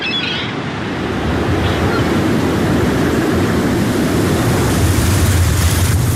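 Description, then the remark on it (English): Steady, roaring winter wind sweeps over churning waves on open water, a loud continuous rush of surf and gusts with low rumbling buffeting, no voices. “In seconds, winter wind conditions on the water can turn unforgiving.”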